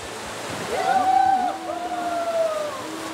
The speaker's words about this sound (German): So ein kleiner, süßer, schöner Fluss bei uns im Umkreis, wo man halt einfach super viel machen kann. Also ich liebe an der Leine das Rauschen des Wassers, dieser Ton, dieser Klang.